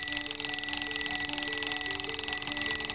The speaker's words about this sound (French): Il est à peine 6h30 quand les réveils de Bernd se mettent à sonner